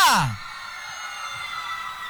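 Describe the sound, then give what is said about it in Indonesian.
A loud, brief scream swoops downward in pitch at the start, then a steady wash of fans screaming and cheering at City Centrum Samarinda carries on at a lower level for the rest. “Dari tadi teriak-teriak mulu fansnya siapa sih sebenarnya?”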